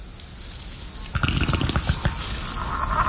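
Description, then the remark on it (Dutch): A low, bubbling, fart-like rumble begins about a second in and keeps spluttering in uneven bursts, with a faint repeating high-pitched tone in the background. “Hoorde ik nou een scheet van een van die dino's?”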